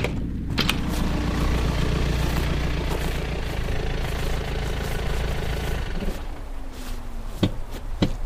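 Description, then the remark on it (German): A car arrives and its engine idles steadily, a low continuous rumble with mechanical chatter, ending with a few sharp clicks and knocks like a door or handle. “Da kommt ein Wagen.”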